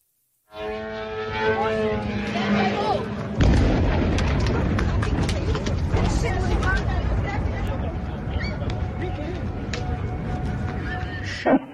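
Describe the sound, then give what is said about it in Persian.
A voice at the start gives way to a sudden loud blast, then a sustained roar of explosions from Islamic Republic missile attacks on the United Arab Emirates, with sharp repeated cracks of gunfire and faint shouting in the background. “از حملات موشکی و پهپادی گرفته تا شلیک نمادین مجری تلویزیون دولتی به پرچم این کشور در برنامه زنده.”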